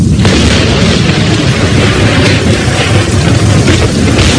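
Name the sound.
thunder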